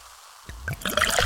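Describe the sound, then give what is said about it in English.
Pepsi Zero Sugar cola being poured, starting with a low glugging splash and quickly building into a bright, crackling fizz. Fairly loud and brief, with no voices. “Listen to that endless pour.”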